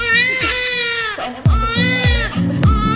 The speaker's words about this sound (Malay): Namun, sadarkah Anda bahwa bayi baru lahir tidak mengeluarkan satu tetes pun air mata saat menangis?